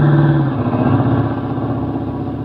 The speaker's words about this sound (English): Duck, here comes the car.